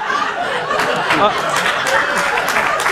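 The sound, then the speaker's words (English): An audience claps and laughs at once, a steady wash of applause mixed with chuckles and overlapping voices, loud throughout the short burst. “Don't applaud.”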